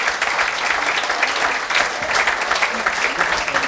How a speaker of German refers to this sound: das ist ein Applaus, liebe Jogiländer.